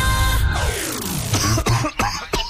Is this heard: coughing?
yes